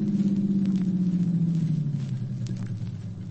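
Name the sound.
car approaching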